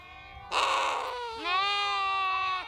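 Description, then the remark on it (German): A lamb in a stable lets out one long, loud bleat, starting harsh and breathy, then turning into a wavering, quavering cry for about two seconds over a low background rumble, as the lambs are being taken to drink. “Hier ist der Stall, zu dem ich gerade hingehe, um die Lämmer trinken zu lassen.”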